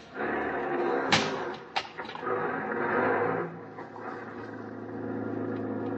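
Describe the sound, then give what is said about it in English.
A taxi door slams shut with a sharp thud, followed quickly by a second knock, as the taxi's engine rumbles steadily and it pulls away into heavy night traffic, its motor droning on at moderate volume. “Outside, I hailed a taxi.”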